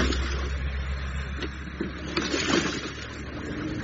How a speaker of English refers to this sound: I could hear lawnmowers.